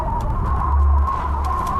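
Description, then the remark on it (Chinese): Magpie calls from a magpie that has flown up to a snow leopard holding a blue sheep it caught: short, harsh chattering bursts scattered over about two seconds, set against a steady low background rumble and a faint sustained tone. “他们常年追着雪豹要食物，胆子大多了。雪豹没打算给喜鹊分一杯羹，也没打算理会喜鹊。”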